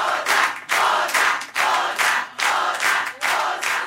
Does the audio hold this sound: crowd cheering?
yes